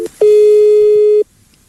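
A telephone busy tone sounds on an outgoing line placed by a radio station: one steady, fairly loud mid-pitched beep lasting about a second, preceded by a brief click, with no voices.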